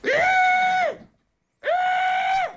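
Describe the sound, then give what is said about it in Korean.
A person imitates a water deer's cry with two loud, high, strained screeching calls, each lasting under a second, separated by a short silence. “고라니가 우는구나.”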